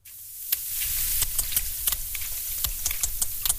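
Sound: sperm whale clicks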